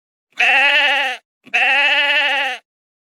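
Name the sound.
sheep bleating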